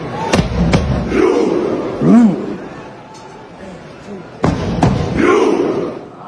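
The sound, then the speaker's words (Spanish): Norwegian fans in the stadium stands perform a Viking thunderclap chant, miming rowing: sharp, booming collective claps and shouted grunts, spaced slowly apart, with a loud roar of crowd voices swelling between them. “Bueno, vamos a ver a los vikingos haciendo su hacen como que reman en las gradas del estadio y ahí les va.”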